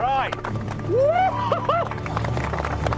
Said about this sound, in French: Les amis, démarrez vos moteurs. Ouais, génial.